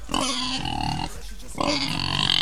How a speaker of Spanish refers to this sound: El chancho. Todos los sonidos tiene.